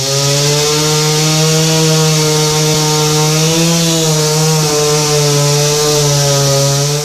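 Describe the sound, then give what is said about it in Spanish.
A chainsaw drones loudly and steadily, its engine pitch dipping and recovering slightly as it bites into wood, with no voices throughout. Public security and municipal civil protection crews use chainsaws to remove a huge fallen tree that blocked a road for over three hours. “Con ayuda de motosierras retiraron el enorme ejemplar que bloqueó la vialidad por más de 3 horas.”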